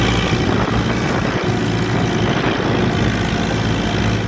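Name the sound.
tractor engine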